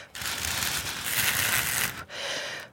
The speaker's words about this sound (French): découvrir les languettes qui sont toutes fines pour faire le bruit du vent. Ouais. Il faut souffler sur le...